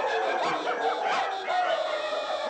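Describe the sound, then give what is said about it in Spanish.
Many dogs out in the streets of a city bark and yip at once, their overlapping calls forming a dense, continuous din with no pauses, like a noisy chorus spread across a wide area. “Los perros salen a las calles. ¡Cállense, perros! Sus ladridos se escuchan por toda la ciudad.”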